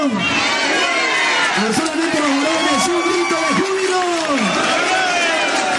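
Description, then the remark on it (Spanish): A crowd of many voices gives a shout of jubilation on call, shouting and cheering together in a loud, sustained roar of joy, overlapping yells rising and falling in pitch for several seconds without pause. “¡Un grito de júbilo!”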